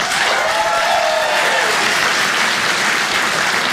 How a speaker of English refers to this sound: I always like to close my shows by taking a little poll. By applause, who here is 50 and older? Applaud if you are 50 and older. That's enough. Don't hurt yourself. Be careful. Applaud if you're under, applaud if you're under 50.